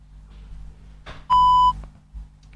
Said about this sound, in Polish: Kiedy usłyszymy taki właśnie sygnał, oznacza to, że Penfriend jest uruchomiony